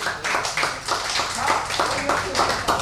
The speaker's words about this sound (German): Aber ich glaube, Sie haben recht. Vielleicht Applaus für die Wolfgangsee-Schifffahrt, dass das überhaupt möglich ist.